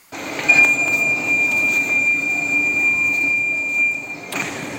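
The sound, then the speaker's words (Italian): A subway train ride: a steady low rumble of the moving carriage with a sustained high-pitched whine running through it, ending in a brief clunk near the end. No voices. “e quindi ti tocca venire con me in metropolitana in giro per i quartieri.”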